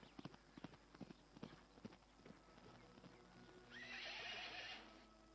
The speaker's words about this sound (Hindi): ये सारे घोड़े अस्तबल में ले जाओ।